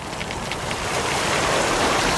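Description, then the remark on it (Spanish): A crackling bonfire: a steady hiss of flames dotted with quick, irregular pops and snaps, holding an even loudness throughout with no voices. “Qué bien se está en esta hoguera, el Itus de verano.”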